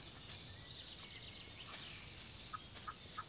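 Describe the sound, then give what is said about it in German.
A capercaillie hen with four chicks calls in a young forest with a few soft, short clucking notes, clustered toward the end, alongside thin high peeps over a quiet, breezy outdoor background. “Für die Auerhühner ist der junge Wald als Lebensraum ideal. 4 Junge hat diese Henne.”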